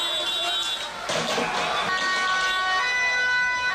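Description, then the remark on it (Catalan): Police sirens wail steadily over a chaotic crowd scene in The Hague, Netherlands, as riot police clash with about 500 far-right protesters throwing projectiles and pyrotechnics, with a sudden loud burst of commotion partway through and indistinct shouting voices throughout. “La policia ha detingut diverses persones que corejaven consignes antisemites i feien salutacions hitlerianes i que s'han enfrontat, com sentim, als agents amb projectils i elements pirotècnics.”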